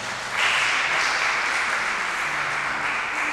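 A crowd breaks into applause, a dense, steady wash of many hands clapping that swells quickly after a brief quiet start and holds evenly loud to the end, with no voices standing out.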